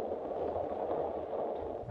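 A steady hum of background noise runs for a couple of seconds before a cannon ashore fires a single sudden, loud boom right at the end, a starting signal given as the flag reaches the bottom of its pole.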